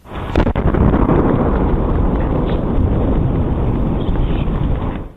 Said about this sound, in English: The American Meteor Society says the double boom was caused by a 3-foot-wide meteor entering the atmosphere near Massachusetts.